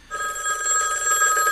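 A telephone rings steadily, its bright electronic trill starting abruptly and holding at a fairly loud level for the whole moment, with no voices.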